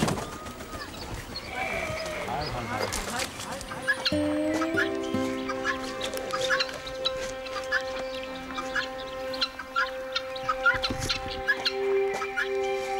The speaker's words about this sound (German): Als letzte wird die Pfauendame aus dem Karton befreit.